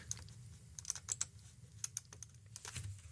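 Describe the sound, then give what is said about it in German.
Quick, irregular clicks of typing on a computer keyboard, fairly quiet, in short bursts with brief pauses over a low background hum, no voices, as someone clicks through to the next news report. “Und wir klicken uns in die nächste Meldung rein.”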